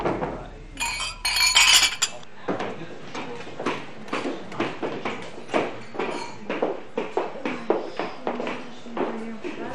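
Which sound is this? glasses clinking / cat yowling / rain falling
glasses clinking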